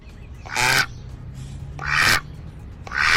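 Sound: duck quacking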